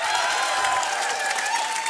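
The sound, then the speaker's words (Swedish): An audience applauds steadily, a dense, even wash of many hands clapping at a consistent loudness for the whole stretch, with no one speaking over it. “Applåder för Elliot.”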